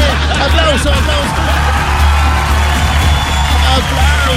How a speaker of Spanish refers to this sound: Aplauso.